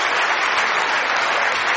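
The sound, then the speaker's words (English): A crowd claps steadily in a dense, sustained, loud round of applause for four people from the audience, filling the short moment without any voices over it. “And let's give all 4 of these people a nice round of applause.”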